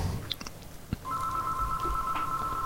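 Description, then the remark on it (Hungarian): A telephone tone sounds as a phone call is being placed: after a few soft clicks and handling noises, a steady, clear electronic tone starts and holds unbroken to the end, moderately loud over quiet background noise. “Nem házi kötek, telefonálunk.”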